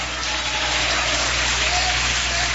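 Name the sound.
audience applauding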